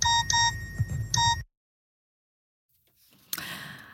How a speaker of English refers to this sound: There we go. There's the school bell.